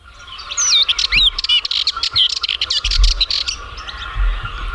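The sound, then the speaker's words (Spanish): A Sardinian warbler calls in rapid, scratchy bursts of chattering notes over a steady hum of background insects, with no one speaking. “La curruca cabecinegra”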